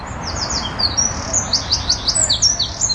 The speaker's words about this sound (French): En Europe, environ 13% des oiseaux sont menacés. Et comme un symbole, le chant des oiseaux disparaît.